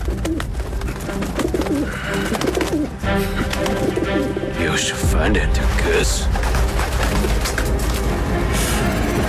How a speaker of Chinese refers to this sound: 鸽子，这些鸽子怎么会躁动不安？